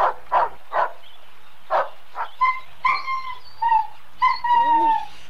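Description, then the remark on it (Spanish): A dog named Colmillo gives several sharp barks in quick succession, then shifts into drawn-out, high-pitched whimpers and whines that waver and rise, with no one speaking. “Ah, ese perro ladino. Ahorita nos alcanza.”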